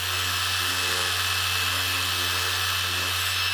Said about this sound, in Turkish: Nasıl temizleyeceğinizi size göstereyim. Aleti çalıştırın ve elinize bir bez alıp zımpara yüzeyine bezi tutun.